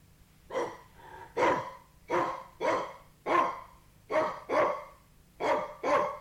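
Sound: small dog barking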